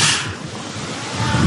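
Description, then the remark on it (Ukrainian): A Hornet 'Middlestrike' fixed-wing strike drone with a foam and plastic body is launched from a catapult by 25th brigade paratroopers after a countdown, with a sudden, sharp rushing whoosh that eases into a steady airy hiss, with a low rumble swelling near the end. No voices are heard. “Це «Хорнет» – ударний «Мідлстрайк» – дрон літакового типу, який щойно запустили по окупантам десантники 25-ї бригади 7-го корпусу швидкого реагування ДШВ.”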